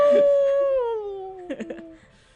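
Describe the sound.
A radio DJ lets out one long, loud dog-like howl on air at station KZMU Moab, the voice sliding slowly downward in pitch, then breaking into a few short wavering yelps before it trails off.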